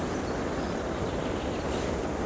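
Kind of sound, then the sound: insect, high-pitched insect chirping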